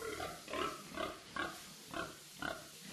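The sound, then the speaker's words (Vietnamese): Pigs in a pen grunt repeatedly in short, rough bursts about every half second, several animals from a herd of more than 30 pigs that are nearly ready to be sold, with a steady rhythm of snorts and grunts, no voices present. “anh Tài lại tất tà trở về nhà chăm đàn lợn hơn 30 con, sắp đến kỳ xuất chuồng”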